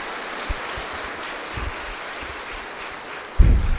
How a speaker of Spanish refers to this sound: Démosle un fuerte aplauso a la Virgen Santísima.